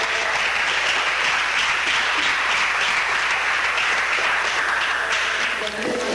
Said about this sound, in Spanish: De un aplauso al Señor esta tarde.